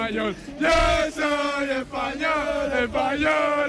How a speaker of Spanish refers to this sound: Pues la fiesta sigue a tope aquí, la gente grita Viva España todo el rato